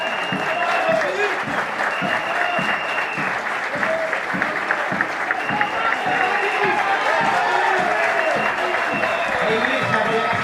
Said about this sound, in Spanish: Agotadísimo salió Matías Aguilar. Los aplausos para el hombre que marcó el triunfo por el momento parcial en este partido. Salió el Mati Aguilar, ingresó con la número 7, Jaime Caro.